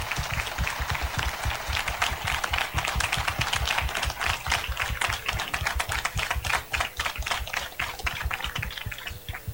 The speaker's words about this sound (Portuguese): Então eu quero também pedir a todos mais uma vez uma grande salva de palmas para ele.